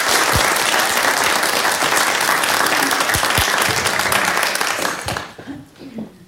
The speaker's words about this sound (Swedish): En applåd till.